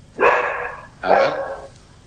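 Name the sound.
dogs barking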